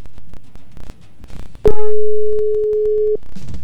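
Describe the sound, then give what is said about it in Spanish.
A WhatsApp call ringing tone, on a call to someone in another country, sounds once as a loud, steady electronic beep held for about a second and a half, after some faint clattering background noise. “Lo voy a llamar por WhatsApp a ver si escucha, porque es de otro país.”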